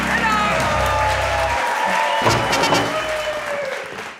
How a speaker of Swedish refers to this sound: Jubel och applåder för veckans pratglada kvartett i På minuten med Hans Rosenfeldt.